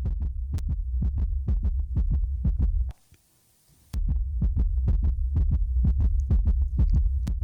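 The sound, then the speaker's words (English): A fast, steady heartbeat sound effect thumps loudly, its low beats briefly cutting out for about a second of silence before resuming at the same quick pace. “That's the heartbeat of those fan bases and maybe even some of those players for the Yankees and the Padres.”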